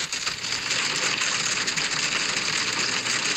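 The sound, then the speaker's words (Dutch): Hail pelts a car from inside, a dense, loud, hissing clatter of countless tiny impacts, steady and unbroken for the whole stretch, with no voices. “Ja, je gaat het niet geloven, maar zo klonk het dus in mijn auto. En ik verfrommel hier geen krantje. Met een buitje.”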